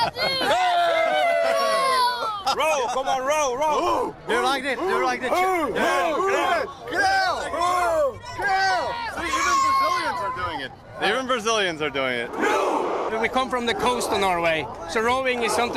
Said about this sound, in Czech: On sám je toho důkazem a k vikingskému pokřiku se nechávají strhnout dokonce i kolem jdoucí brazilští fanoušci.